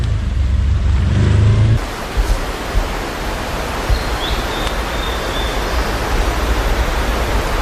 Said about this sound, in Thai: เราต้องใช้รถวิบากเมื่อผ่านเส้นทางในป่าแบบนี